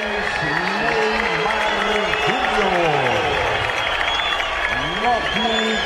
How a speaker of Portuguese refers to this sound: Aplausos tímidos.